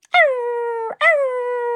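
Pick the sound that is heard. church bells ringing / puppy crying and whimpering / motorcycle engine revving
puppy crying and whimpering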